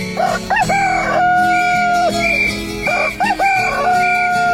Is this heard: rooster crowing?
yes